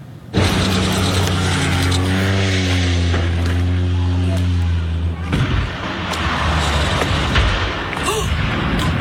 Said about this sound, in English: A terrifying moment caught on camera off the coast of Washington State when a tourist seaplane with 11 people on board crashed into a small island.